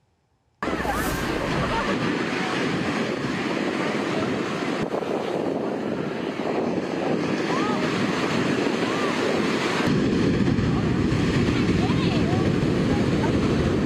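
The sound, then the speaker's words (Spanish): Loud, continuous roar of strong ocean waves crashing on a beach in Santa Cruz as a lifeguard rescues a boy of about 10, buffeted by heavy wind noise on the microphone, with indistinct voices mixed into the surf. “Las imágenes se ve cómo el salvavidas luchó sin miedo contra las fuertes olas para salvar al menor.”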